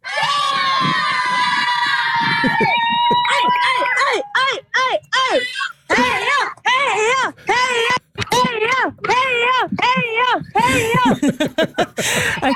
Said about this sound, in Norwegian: Heia! Ikke rart man blir hest. Som dere hører, så skal det ikke stå på heia-rop.